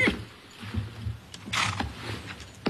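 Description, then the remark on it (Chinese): A horse whinnies and snorts, a low, strained cry broken by sharp bursts of rustling and stamping, as a man grabs its reins, swings onto its back and pulls hard to rein it in. No talking. “张骞迅速地跑上前，伸手拉住缰绳，借力翻身上马，用力一拉，勒住了马儿。”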